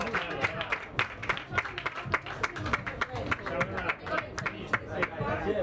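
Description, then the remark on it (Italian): A crowd applauds steadily at the unveiling of the philatelic postmark for the 40th edition of the Vele di Imperia, many hands clapping in a dense, crackling burst that keeps going for several seconds, with a murmur of voices mixed underneath. “Ed eccolo, con un applauso, annullo filatelico della 40ª edizione delle Vele di Imperia.”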